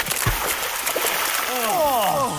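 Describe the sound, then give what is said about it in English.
Water splashes and sloshes against a steady rushing background of a waterfall, fairly loud, as people wash in the falls, with a voice briefly making gliding sounds near the end. “Quick, wash in the pristine waters of the falls.”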